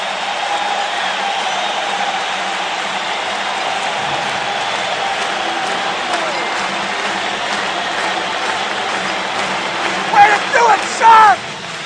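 A large crowd at San Jose Arena applauds and cheers steadily in a dense, roaring wash of clapping, with a few sharp whistles rising above it near the end, standing to give the Sharks an ovation as the second period ends against the Toronto Maple Leafs.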